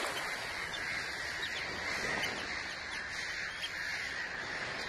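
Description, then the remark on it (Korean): A dense chorus of harsh, overlapping tern calls fills the scene continuously, a colony gathered on a beach crying out together, loud and steady with no voices. “해변엔 제비갈매기들이 모여있죠.”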